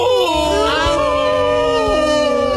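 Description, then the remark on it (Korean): A single long, drawn-out wolf howl, loud, its pitch sliding and wavering as it holds steady for a couple of seconds, with no talking over it. “남자는 울지 않고 노래합니다. 늑대의 노래.”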